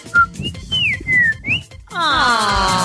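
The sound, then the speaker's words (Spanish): A person whistles a short tune imitating a little bird as a greeting: a quick chirp, then sliding high notes that rise and dip, followed by a bright, shimmering warble with a low rumble underneath. “Yo la saludo con un pajarito.”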